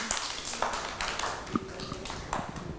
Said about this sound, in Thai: ปรบมือให้น้องมาด้วยค่ะ